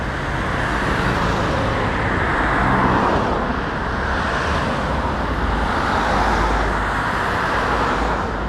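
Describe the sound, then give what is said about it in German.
Steady, dense road traffic roars continuously on the four-lane Frankfurter Allee, cars rushing past with a broad wash of engine and tire noise that swells and eases slightly, no voices present. “Erstmal aber überqueren wir die vierspurige Frankfurter Allee, die den Kiez durchschneidet. Auf der anderen Seite der durchrauschenden Autos wartet auf uns der kommunale Bürokratie-Dschungel.”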